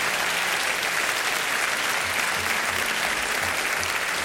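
An audience claps for a woman who travelled from Berlin, a dense, even wash of many hands with no pauses, holding at a consistent loudness from start to finish.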